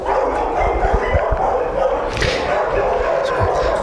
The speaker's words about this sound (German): Können Sie ihn denn am Bellen eigentlich erkennen oder bellt er gar nicht so viel? Doch, der bellt leider sehr viel.